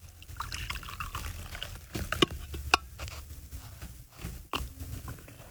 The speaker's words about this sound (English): Here, I'll pour you a cup of coffee.